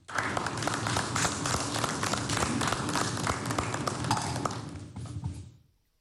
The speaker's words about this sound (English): To give us an opening remarks is help me invite the head of Joy Business, Nanabeyi Brown Addo. Please, with a round of applause.